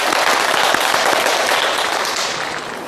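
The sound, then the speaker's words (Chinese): A crowd claps loudly and steadily to welcome a teacher who will give a demonstration poetry recitation, a dense wash of many hands that holds for a few seconds and then begins to ease off slightly, with no voices over it. “我们掌声欢迎。”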